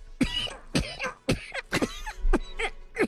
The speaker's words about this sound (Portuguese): Vejo que o senhor está melhor de saúde, né? Melhor, graças a Deus. Tô me cuidando, né? Sua tosse tá menos carregada, né?